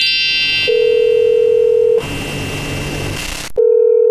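A telephone ringback tone while a call is placed to a manager: a steady, fairly loud electronic hum that sounds for over a second, pauses, then starts again, over a faint hiss of line noise with no voices.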